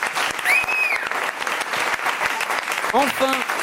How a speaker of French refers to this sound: On peut applaudir. Bravo, ouais.